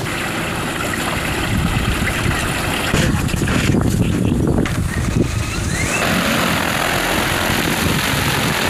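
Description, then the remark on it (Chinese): An agricultural drone used to spray pesticide and spread fertilizer over rice paddies on saline-alkali land flies, its rotors giving off a loud, steady whirring drone throughout, swelling briefly in the middle before settling back to a constant hum. “后来我们俩来了之后，又开始买了无人机。”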